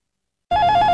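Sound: telephone ringing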